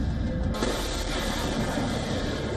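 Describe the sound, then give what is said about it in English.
A dense, steady mechanical buzz of a swarm of drones in the military confrontation between the U.S. and Iran in the Gulf. It is loud and continuous, with a constant high whine over a rumbling low end, thickening slightly after the first half second. “Drones swarming.”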